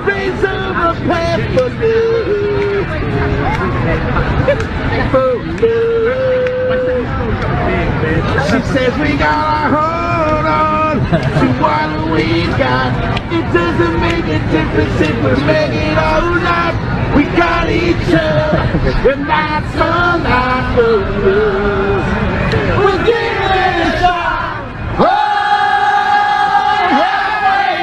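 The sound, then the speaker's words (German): A large crowd sings a hit song together loudly after a lone man on a park bench starts singing it, many voices blending into a dense, continuous chorus with occasional shouts and whoops rising above it, sustained for nearly half a minute. “Da sitzt so ein einsamer Kerl, vielleicht ein Obdachloser, auf einer Parkbank und fängt an, einfach diesen einen Hit vor sich hin zu trällern. Und plötzlich steigen alle mit ein.”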